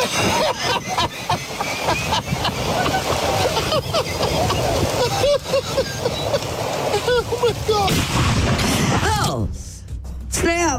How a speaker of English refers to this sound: So as you heard, the guy's kind of cackling there. Because he's videotaping his friends. Got his phone out and he's watching his friends recording their attempt to get a stuck golf cart moving again. And then bam, the dude gets struck by lightning.